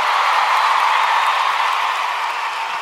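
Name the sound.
audience applause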